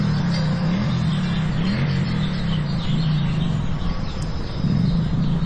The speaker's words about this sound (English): And to hear a sound like a motorcycle engine kind of just out of your ear range, it really kind of startled me for a second.